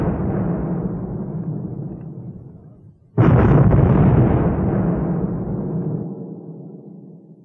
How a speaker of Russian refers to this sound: Пятнадцатого марта, в день погребения, шквал артиллерийской пальбы с новой силой обрушивается на город. В течение 10 минут изо всех находящихся в строю орудий производится по 6 выстрелов на каждый ствол.